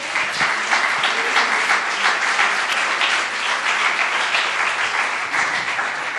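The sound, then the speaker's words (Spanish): Sustained applause for Jesus at a church service, a dense, steady wash of many hands clapping at an even loudness for several seconds, with no voices standing out. “Dale ese aplauso a Jesús.”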